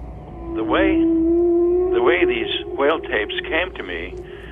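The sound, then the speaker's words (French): A long, sustained moaning tone of humpback whale song, recorded underwater, holds steady and fairly loud while a voice speaks over it in short bursts. “Évidemment, quand tu es à Maui, il suffit de mettre tes oreilles dans l'eau pour entendre des baleines proches ou loin.”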